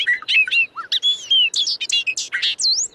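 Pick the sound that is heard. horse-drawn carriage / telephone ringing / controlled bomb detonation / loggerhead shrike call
loggerhead shrike call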